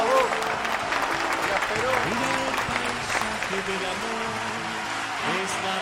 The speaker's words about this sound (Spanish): Bueno, el aplauso.